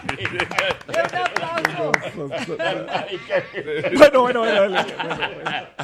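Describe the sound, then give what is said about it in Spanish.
Scattered, uneven hand claps ring out after a joke, mixed with chuckling laughter and excited voices talking over them, the clapping thickest at the start before voices take over. “¡Aplauda! ¡Muy bueno! ¡Aplauda! ¡Muy bueno! ¡Qué aplauso!”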